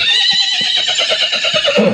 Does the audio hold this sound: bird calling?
no